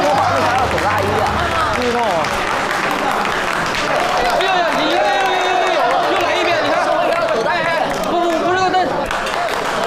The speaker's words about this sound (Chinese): 让我们以热烈的掌声，隆重的欢迎四位导演。